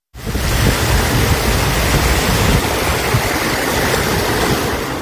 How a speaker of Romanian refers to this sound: Rupere de nori și în județul Constanța, la Lipnița, puhoaiele de apă au inundat străzile.